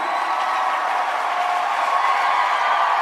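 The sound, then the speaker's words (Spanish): A large audience at a Christian worship gathering claps loudly and continuously for the Lord, a dense, steady wash of applause with faint cheering mixed in and no pauses. “Denle ese aplauso fuerte al Señor.”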